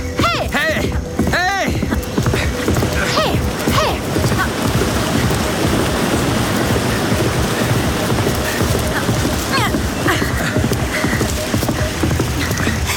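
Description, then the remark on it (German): Horses gallop at a fast, steady pace on a short ride past waterfalls up to a flat stretch of road, their hoofbeats loud and running continuously for the whole stretch, with a brief high vocal call near the start. “kannst du einen kurzen Galopp vertragen? An den Wasserfällen vorbei bis hinauf zum ebenen Straßenstück.”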